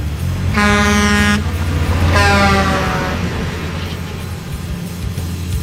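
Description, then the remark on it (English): Two loud, blaring truck air horn blasts, each about a second long with a short gap between, over a steady low engine rumble that continues after the second blast fades. “Hopefully that's Optimus going to find us a Pro Bowl site on that one.”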